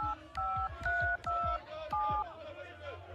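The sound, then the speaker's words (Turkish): Telephone keypad dialing tones as someone places a phone call: about five steady electronic beeps in quick succession, each marked by a soft button click, fairly loud, with faint murmur underneath. “Bir de ben arayayım bakayım şunları.”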